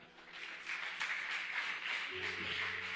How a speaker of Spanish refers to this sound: Dale palmas al Señor.